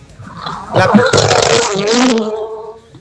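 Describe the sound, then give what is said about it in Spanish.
A rally car on a rally stage lined with spectators roars in, its pitch bending as it passes over about two seconds, loud and buzzing, then quickly fades away. “Escuchemos, miren, ya se aproxima, escuchemos parte del ambiente.”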